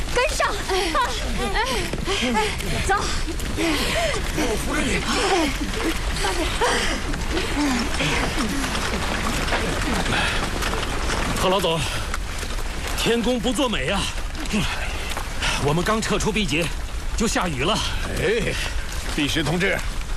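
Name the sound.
rain falling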